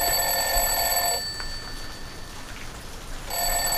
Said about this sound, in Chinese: 这闹钟都响了，这孩子怎么叫不起来呀？